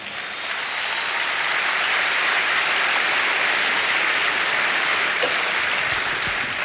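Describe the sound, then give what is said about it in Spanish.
A crowd of people clapping their hands for the Lord in a dense, continuous burst of applause that holds steady and loud for several seconds without any voices standing out. “Dele palmas al Señor.”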